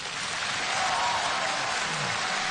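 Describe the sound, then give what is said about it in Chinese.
Steady, enthusiastic applause from a crowd welcoming a visiting official, a dense continuous patter of many hands clapping at an even, fairly loud level throughout, with no voices standing out. “来，我们以热烈的掌声欢迎领导光临直达。”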